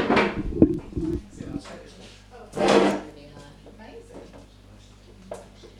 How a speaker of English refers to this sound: Come sit in between us and we can. Yeah. Let's do that. Pull a chair. What do you want to sit in?